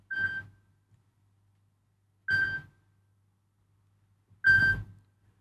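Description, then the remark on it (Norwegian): A telephone rings three times at a steady interval, each short burst bright and tonal with a rattling edge, over a faint low hum with no talking. “Det ringer, det ringer, hør vem kan det være?”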